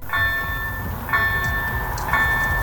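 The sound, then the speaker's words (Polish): A level-crossing bell at a railway crossing in Kaletnik, Poland, on the route to Borowa, rings in steady, evenly spaced strikes over the low rumble and rattle of train wagons rolling past; no one speaks. “Minuta oczekiwania, którym towarzyszy liczenie wagonów.”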